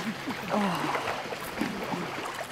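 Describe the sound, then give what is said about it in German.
Splashing and sloshing water as someone wades through a shallow, cool Kneipp basin across from a wildlife park between Hoxberg and Savellingen on a hot day, steady movement with soft voices murmuring in the background. “Vom Blätterdach im Wald geht's zum Kneippbecken.”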